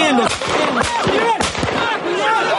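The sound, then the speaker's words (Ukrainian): Three or four sharp warning gunshots crack out in quick succession over a loud, chaotic crowd of shouting voices, during a clash in which a crowd attacked a military enlistment office (TCC) vehicle; fired by a serviceman on leave to get people to disperse. “В якийсь момент пролунали попереджувальні постріли.”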